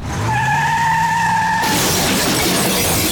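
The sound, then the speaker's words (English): Car tires squeal in a loud, sustained skid for over a second, then cut into a sudden crash with shattering glass and scattering debris, with no one speaking. “Well, that's not coming out with a bucket and sponge. When life leaves its mark on your car”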